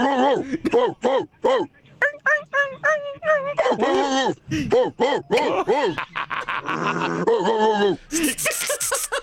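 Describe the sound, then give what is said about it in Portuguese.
A dog whines and howls, a run of short rising-and-falling yelps giving way to longer wavering howls in shifting pitches, ending with a harsher, noisier burst. “Nossa, tem vários tons, né, de cachorro.”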